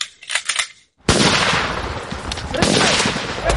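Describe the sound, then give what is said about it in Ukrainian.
Live-round gunfire during the 225th Regiment's assault fire training, the "Cover, move" drill with a smoke screen and coordinated movement: a short burst of sharp shots, a brief pause, then a loud, dense stretch of rapid overlapping shots and crackle that continues to the end. “Вправа «Крию, йду». Бойові набої, димова завіса, злагоджене пересування. До бою!”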